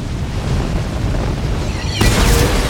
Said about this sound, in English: A truck explodes in flames and makes the squad jump back. The flames stop.